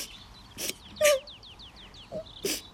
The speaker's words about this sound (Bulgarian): Е, ама ти май се разплака.